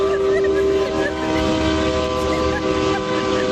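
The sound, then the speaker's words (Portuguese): A truck driver's air horn blares in one long, unbroken blast, loud, its steady chord-like tone holding for several seconds over a rumbling background. “Aí, que buzina na boca!”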